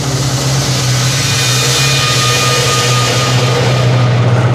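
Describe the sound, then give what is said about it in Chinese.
Heavy Japanese military truck engines drone in a loud, steady low rumble, holding constant throughout with no voices over them. “所有人记住，等鬼子汽车进入雷区再开火。”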